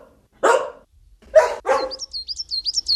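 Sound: dog howling mournfully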